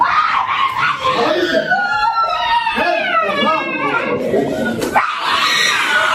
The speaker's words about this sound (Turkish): Annenin feryatları ise yürekleri yaktı.